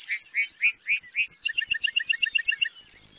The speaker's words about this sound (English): During the summer breeding season, North America's Great Plains come alive with birdsong. Among the most memorable is the lark bunting, whose serenade is complete with costume and choreography.